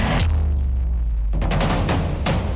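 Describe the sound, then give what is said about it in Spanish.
A loud explosion booms with a deep, lingering rumble, followed by a few more sharp blasts about a second apart, as a suspicious device is pulled from outside using handling and transfer equipment in a simulated training exercise; the blast stays contained inside. No voices are heard. “Y al traccionar ha habido una explosión, pero la explosión se ha quedado ahí dentro.”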